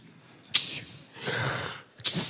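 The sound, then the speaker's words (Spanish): A person imitates the dead boy of the Bible story sneezing seven times: a sharp, breathy burst, then a longer hissing exhale, then another abrupt sneeze-like burst, with no talking in between. “El muerto estornuda 7 veces para que entiendan lo que está pasando.”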